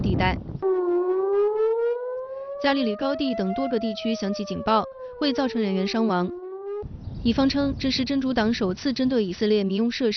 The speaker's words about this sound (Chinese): 据以色列媒体30号报道，黎巴嫩真主党当天向以色列北部多个城镇发动空袭，部分火箭弹被拦截，部分落入空旷地带。加利利高地等多个地区响起警报，为造成人员伤亡。